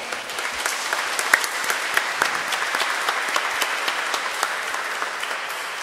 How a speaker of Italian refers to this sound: E allora lo ringraziamo facendogli un applauso.